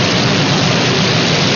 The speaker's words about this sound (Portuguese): Olha que chuva boa!